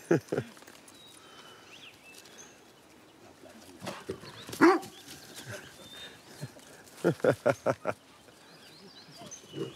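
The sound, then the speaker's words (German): A dog barks in short, sharp bursts while playing: a couple of yelps at the start, a single loud bark midway, then a quick run of four or five close together, over a quiet outdoor background. “Da sagt der Hund, wo es lang geht, wa?”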